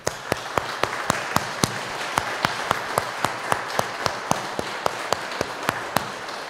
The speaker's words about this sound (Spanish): Vamos a darle un fuerte aplauso a Cristo Rey.